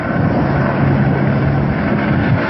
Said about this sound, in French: À très basse altitude, ce dash dépose 10 tonnes de retardant pour freiner la progression des flammes.